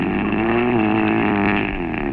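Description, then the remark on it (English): A husband's loud, roaring snore through the mouth: one long rasping inhale with a buzzy, droning low tone that holds steady for about two seconds, rough and engine-like, with no talking over it. “It's definitely a post-pharyngeal condition, and that roaring intake indicates he's a mouth breather.”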